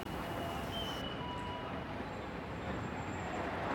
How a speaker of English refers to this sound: What I'm hearing? Sounds I'm hearing in this moment. What I'm hearing? Between the tram. The traffic. I hear people talking. People walking.